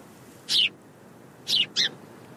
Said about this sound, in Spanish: Ahí hay un pájaro. Es un pardal. Si creciste por aquí, seguramente hayas visto muchos.